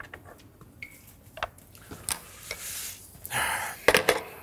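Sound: lard sizzling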